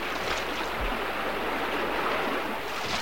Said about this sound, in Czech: dnes ráno říkali u ohně, že je nebezpečné pouštět se s loďkou daleko do proudu, když velká řeka žve, jako dnes.